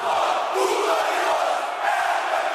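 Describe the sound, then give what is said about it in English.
A huge crowd of Corinthians football supporters at the club's home stadium in Brazil chants and roars in unison, a dense, steady wall of voices that stays loud and sustained throughout. “Brazilian fans each have their own style, their own songs, their own way of supporting their team.”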